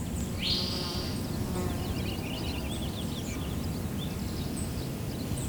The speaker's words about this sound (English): There's a spotted towhee making kind of a dry, flat trill off in that direction.